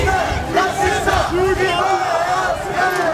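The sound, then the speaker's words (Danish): Demonstrators calling themselves the Danish people shout continuously at a street march against what organizers call the Islamisation of Denmark, in Østerbro, Copenhagen, on the official flag day for deployed soldiers and veterans; many voices overlap in loud, sustained yelling with rising and falling chant-like cries throughout. “Her kan man høre, hvordan der bliver råbt af de demonstranter, der kalder sig det danske folk.”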